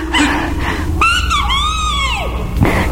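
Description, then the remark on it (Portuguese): A small bird calls out a loud, clear bem-te-vi: a short bright note, then a long whistled phrase that swoops up and slides back down, over a steady low background hum. “Sim, o passarinho nos viu. Está dizendo bem te vi.”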